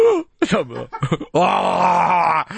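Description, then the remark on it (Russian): A man imitates snoring with his voice: a few short grunting, throaty bursts followed by one long, loud, buzzing rasp held for about a second. “Ну как-то люди по-разному храпят.”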